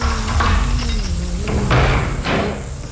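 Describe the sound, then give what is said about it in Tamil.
A door is opened just as someone outside was about to knock, with a few short knocks and rattling clunks from the handle and frame over a low background hum. Nobody speaks. “சாரிமா, நானும் கதவை தட்டலான்னு கையெடுத்தேன், நீயும் கரெக்டா கதவு திறக்கிற.”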